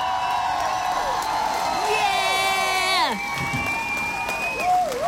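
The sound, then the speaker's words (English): A crowd cheers and applauds in a steady, noisy roar, with loud whistles and whoops rising above it and one long descending swoop partway through. “Yes, I deserve an applause because I've been wanting to get back on my water track and I feel like I'm slowly getting there.”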